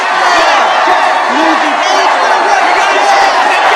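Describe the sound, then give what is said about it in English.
A large crowd of child workers on strike cheers and shouts together in the street, holding signs and waving copies of the Newsies banner, a dense, steady roar of many voices that stays loud for the whole few seconds, with scattered whoops rising above it. “The enormous gathering of child workers floods the street as they hold signs and wave copies of the Newsies banner.”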